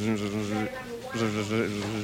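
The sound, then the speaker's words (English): A voice imitates a mosquito's buzz, a steady droning hum that cuts out briefly twice and resumes, its pitch wavering slightly across three bursts. “A buzzing sound that quits intermittently.”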